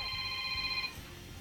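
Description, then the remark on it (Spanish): A telephone rings with a steady, bright electronic trill at the radio station La Que Buena as a listener calls in; the ring fills most of the moment, then cuts off abruptly, leaving a low background hum. No one speaks. “Hay que contestar aquí, suena la que buena.”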